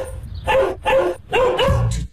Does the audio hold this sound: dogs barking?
yes